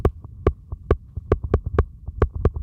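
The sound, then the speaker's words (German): Teeth chattering heard through a stethoscope placed on the head: a rapid, irregular series of sharp clicks, about a dozen in under three seconds, loud and crisp over a low, muffled rumble. “Oder wenn ich jetzt mit den Zähnen klappere.”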